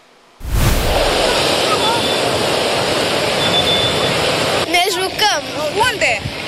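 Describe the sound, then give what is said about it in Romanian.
Strong, dangerous sea waves driven by strong wind crash in a loud, continuous roar on a beach in the south where swimming is banned under a red flag, with voices calling out over the surf toward the end. “În sud, marea este interzisă, vântul puternic a ridicat steagul roșu, iar valurile periculoase îi țin pe turiști blocați pe nisip.”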